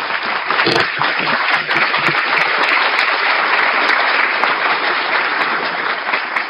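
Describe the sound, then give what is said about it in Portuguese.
Sustained applause from an audience for the women present, a dense, steady clatter of many hands clapping at an even loudness for several seconds, with a few faint voices underneath. “Eu queria pedir uma salva de palmas para as mulheres presentes.”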